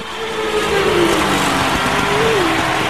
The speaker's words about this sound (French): Excuse-moi 5 minutes là, mais je voudrais bien entendre un peu des moteurs tournés. Ok, bah je t'ai fait goûter là. Je suis dans les paddocks à São Paulo.